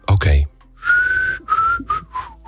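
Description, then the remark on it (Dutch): Someone whistles a short song melody in several bright, sustained notes with brief gaps between them, fairly loud, after a quick burst of a voice at the start. “Maar ik moet zeggen, het liedje is ook echt beter dan mijn fluit.”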